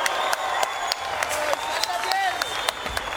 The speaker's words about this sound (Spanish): Otro aplauso, por favor, un aplauso más fuerte.